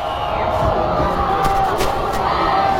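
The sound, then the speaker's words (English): A large stadium crowd at a football game roars steadily in displeasure at a blindside block penalty call, a dense wash of voices with scattered shouts and louder swells cutting through, sustained and loud throughout. “And listen to that crowd. Yeah, the crowd's not happy, and I don't blame them.”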